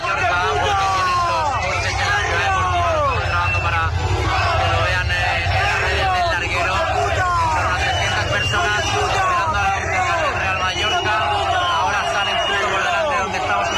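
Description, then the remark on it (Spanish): A crowd of about 300 fans waiting for the players yells and jeers continuously outdoors at the departing team bus, many overlapping voices shouting at once, with a low idling engine rumble underneath throughout. “pero el autocar de la salida, tenían los coches en la ciudad deportiva, sonaba así con alrededor de 300 personas esperando a los jugadores, ¿eh?”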